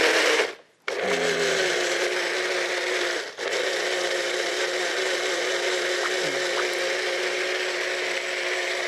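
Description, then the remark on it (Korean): A loud, steady blender whirs continuously, briefly cutting out near the start and dipping once more, its motor drone grinding apricots into juice with a wet, pulpy slurry churn; the apricot juice is to replace water in rice-cake dough. “네, 믹서에다가 이걸 예? 갈으려고 그래요.”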